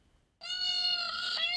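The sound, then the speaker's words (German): A peacock lure call played from a phone while searching for four peacocks in Bochum-Günnigfeld, Germany: one loud, drawn-out nasal wail, rich and harmonic, starting after a brief silence and holding steady before dipping slightly at the end. “Lockruf per Handy.”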